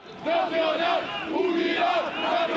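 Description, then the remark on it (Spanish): A large crowd at a Francoist demonstration in Spain chants and shouts in favour of the dictator Franco, voices rising and falling in rhythmic, drawn-out cries that hold steady and loud for the whole stretch. “En pleno siglo XXI en España se siguen realizando manifestaciones franquistas con simbología y gritos en favor del dictador.”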